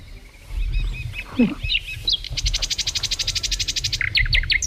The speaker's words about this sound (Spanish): Pero el silbidito este parece mal, ¿no? Sí. Pi, pi, pi, pi. A ver, puede ser una calandria, un ruiseñor, un águila imperial o un gorrión común.